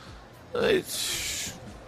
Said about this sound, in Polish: I … sapie, zmęczył się po 30 sekundach walki.